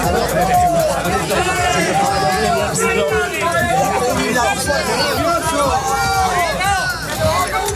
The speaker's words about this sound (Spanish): Esto es lo que pasaba fuera del teatro. Esto era abucheos